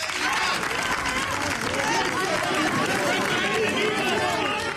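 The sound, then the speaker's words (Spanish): A dense street crowd in Ceuta roars steadily at the arrival of former president Aznar, embraced in the street by Ceuta president Vivas, many voices shouting and chanting slogans over scattered applause, the loud mass of sound holding without a break for the whole stretch. “A la llegada de este, abrazo de ambos en la calle y aplausos y también eslogans.”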